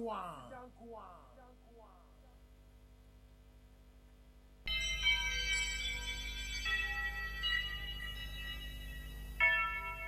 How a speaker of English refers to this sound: Church bells.